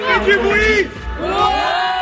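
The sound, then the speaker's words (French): Children from the La Couronne de l'Ours holiday centre cheer and shout together at Orcières while waiting for the Tour de France stage race, a loud, excited burst, their high voices rising and falling in two surging waves of yelling. “14h à Orcières, les enfants du centre de vacances, la couronne de l'ours, déchaînée en attendant la course.”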